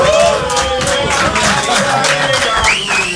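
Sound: studio audience applauding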